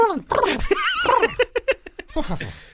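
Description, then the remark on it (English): A person imitates a dog with whiny, yelping vocal barks and a quick run of short panting yips, fairly loud, sounding half like laughter. “That's my impression of a dog.”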